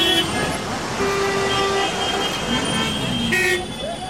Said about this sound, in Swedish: Den infarktartade trafiksituationen framför den stora järnvägsstationen i Indiens huvudstad New Delhi kan vara en bild för att allt inte har gått bra med Nagoya-protokollet.